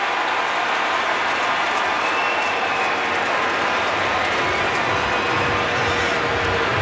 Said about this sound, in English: Man, that seemed like he was safe to the naked eye. They just showed it on the big screen, and you hear the crowd reacting to it.